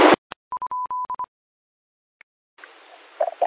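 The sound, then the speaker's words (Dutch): A quick run of short, clear, steady beeps at one even mid-high pitch, the little auk's beep call, sounding in a brisk rhythm after a brief burst of noise, followed by soft hiss. “Nou, de rotje piep is heel kort en duidelijk piep.”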